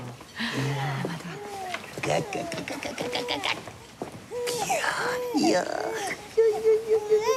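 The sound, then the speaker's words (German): A baby cries and fusses loudly, with repeated wavering wails that rise and fall, growing stronger toward the end. “Wer schimpft denn da so laut?”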